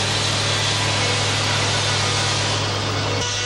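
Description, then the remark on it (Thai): A large mill saw grinds steadily through logs at a sawmill that processes timber floated down the Salween River, a loud, continuous rasping roar over a low motor hum, unbroken, easing slightly just before the end, with no one speaking. “ท่อนซุงจะถูกล่องมาตามลำน้ำสารวินจากภาคเหนือเพื่อมาแปรรูปที่โรงเลื่อยแห่งนี้และส่งออกไปประเทศญี่ปุ่นทั้งหมดโดยผู้รับสัมปทานชาวต่างชาติ”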